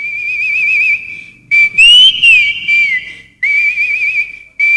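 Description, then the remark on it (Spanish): A person whistles a lively tune, the clear, bright melody sliding and warbling in several loud phrases separated by short pauses, with no talking. “Andan preguntando los amigos, ¿qué hora sale el silbador?”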